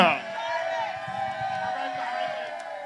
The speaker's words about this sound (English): And to this fantastic crowd that is in Malcolm X Park, make some noise so they can hear you on the radio, y'all.